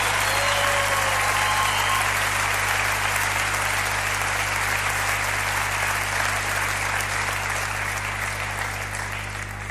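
Sustained audience applause, a dense wash of many hands clapping at steady loudness for about ten seconds, tapering only slightly at the end, with no voices over it.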